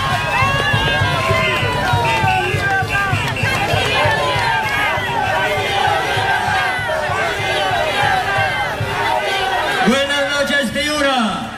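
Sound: applause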